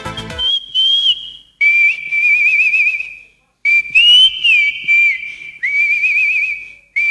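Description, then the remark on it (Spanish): A person whistles a warbling, trilling tune in several sustained phrases with short pauses between them, loud, with no talking. “Esa silbadita me hace recuerdo que hay quien se vive al campo, ¿no?”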